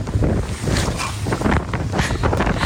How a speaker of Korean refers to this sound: 세종과학기지는 남극에 들어가서도 마지막으로 이제 고무 보트를 타야만 들어갈 수 있는 곳이었습니다. 근데 저희가 어떻게 전세기는 타고 들어갔는데 이 고무 보트를 타고 들어갈 때 날씨가 갑자기 또 안 좋아졌어요. 그래서 이 영상은 이제 당시 보트를 타고 들어가던 상황을 찍은 영상인데요.